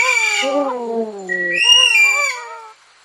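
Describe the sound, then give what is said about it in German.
Aldabra white-throated rail calling: a loud, harsh descending wail followed by higher, strained squealing notes, over about three seconds with no voices. “Ja, die Adabra Weißkiralle von Rudi Gorisch von Radio Korax aus Halle.”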